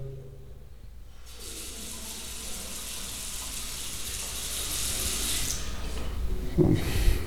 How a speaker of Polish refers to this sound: Zeszedłem do łazienki, puszczam wodę.